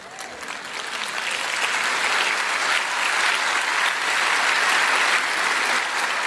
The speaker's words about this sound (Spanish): Claro que adelantó mucho el aplauso, hombre.